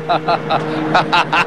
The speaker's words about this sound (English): His tow truck rumbles forward and angles around the station wagon. It eases up onto the curb in front of the car.